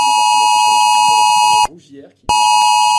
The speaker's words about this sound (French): C'est aux alentours de 3 heures hein, cette nuit que les habitants ont reçu cette alerte sur leur téléphone.